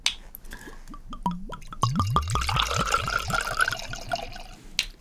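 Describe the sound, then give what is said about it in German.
A bottle of Lafette rosé wine opens with a brief click, then the wine glugs out in a quick run of hollow, bubbling gulps, fairly loud; no one speaks. “Wir zwei machen jetzt mal auf hier. parallel Lafette heißt der Rosé.”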